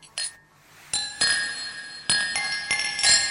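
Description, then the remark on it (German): Several bright glass clinks ring out, a quick first tap followed by a series of louder chimes with lingering high tones, as glasses are knocked together in a toast. No one speaks. “Für mich das Getränk. Ja, voll gut, danke. Der war echt gut. Du bist der Beste. Prost, Baby. Prost.”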